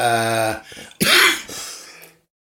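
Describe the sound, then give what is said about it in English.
A dry tickly cough lingering after a cold: a brief voiced throat rumble, then one sharp hacking burst with a raspy tail, heard on its own with no talking. “Well, it's not cold, it's now a tickly cough.”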